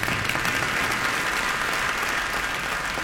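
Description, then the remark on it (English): A crowd breaks into steady applause, dense clapping filling the space at a constant level for the whole few seconds, with no voices rising above it. “You can clap for that.”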